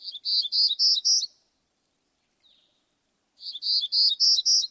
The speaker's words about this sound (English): Or or Townsend's warblers that summer in British Columbia.